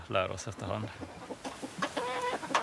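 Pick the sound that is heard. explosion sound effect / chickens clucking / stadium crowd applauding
chickens clucking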